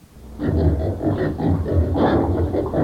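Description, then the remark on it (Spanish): Pigs that have got in grunt and oink continuously, with a steady run of rough, overlapping snorts that keep going for a few seconds. “Escuche, vos, mujer, ya se metieron los chanchos.”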